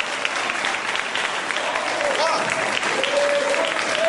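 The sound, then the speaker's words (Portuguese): A church audience at a worship service breaks into sustained applause, a dense, even wash of clapping from many people that stays loud and steady throughout, with a few voices faintly cheering underneath. “Olha as palmas.”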